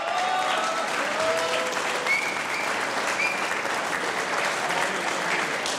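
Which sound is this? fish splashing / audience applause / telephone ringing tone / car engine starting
audience applause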